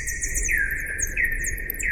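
Slowed-down bat echolocation calls, ultrasounds bats make to orient themselves, inaudible to the naked ear: three sweeping, downward-gliding tones at a steady pace, each with a higher-pitched layer above, over a low background rumble. Their humming whoosh sounds a little like lightsabers.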